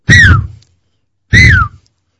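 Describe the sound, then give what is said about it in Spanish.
A voice imitates the wheezing (sibilance) of a child's or adult's chest with two raspy, whistling exhalations, each about half a second long, separated by a brief pause; fairly loud, with falling pitch at the end of each. “Eso se llama sibilancia, de silbido viene eso.”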